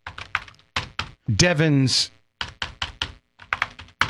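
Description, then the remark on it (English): Crisp keyboard typing, with quick clusters of key clicks arriving in irregular bursts. A short spoken sound briefly interrupts partway through, then the typing carries on. “are you typing that?”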